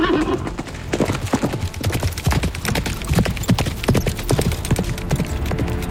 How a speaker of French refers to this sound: Ni une, ni deux, D'Artagnan reprend la route. Enfin, si tant est que son cheval veuille bien démarrer. Oh, pardon, je veux dire, avancer.